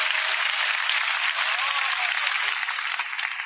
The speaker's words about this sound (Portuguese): Podem bater as palmas para Jesus, meus irmãos. And glorify the Lord.